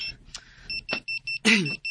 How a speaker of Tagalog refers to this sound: Isa pa asa ding alarm clock.